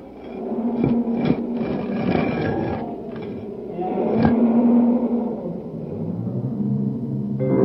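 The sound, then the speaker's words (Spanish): Deep, rumbling roars and snarls of lions in a den swell and overlap in a dense, continuous wall of sound, loud, punctuated by a few sharp thuds, with no talking. “Y Daniel fue arrojado al foso de los leones”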